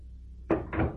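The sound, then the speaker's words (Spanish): An office door opens: after a moment of quiet hum, a sharp latch click is followed by a second short, rattling thump of the door swinging. No one speaks. “Abre la puerta. Quiero hablarte adentro.”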